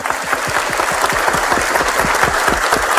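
An audience claps warmly and steadily to welcome the Civil Police (Polícia Civil), many hands producing a dense, even patter of applause that holds at a fairly loud level throughout, with no voices breaking through.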